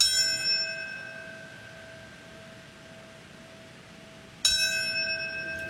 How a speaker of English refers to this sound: The bell ringing marks the time when the North Tower collapsed. A moment of silence follows the ringing of the bell.